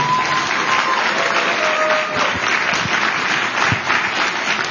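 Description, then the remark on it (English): Sustained audience applause at an HHS food safety event for FDA official Kyle Diamantis. A dense, steady wash of many hands clapping at full volume throughout, with a few faint whistles rising above the crowd noise. “Can we get one more round of applause for the man who has reminded the world that there's an F in FDA, Kyle Diamantis?”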